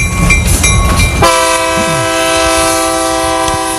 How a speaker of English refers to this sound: If you hear the train, it means somebody's on the phone, on the junction phone.